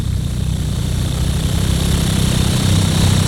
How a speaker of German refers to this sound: Im Lago Mio ist es heiss. Darum hier für euch schnell ein bisschen Ventilatorgeräusch zum Abkühlen.